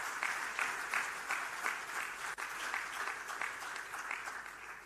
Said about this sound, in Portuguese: Queria, por isso, pedir mais uma forte salva de palmas por este ato.